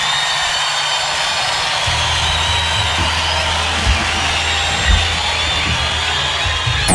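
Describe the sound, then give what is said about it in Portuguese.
Loud, sustained audience applause for two musicians, a dense steady wash of clapping lasting the whole stretch, with a few high whistles riding on top and a low rumble underneath. “Eu gostaria de pedir uma salva de palmas para …, porque não é brincadeira, não.”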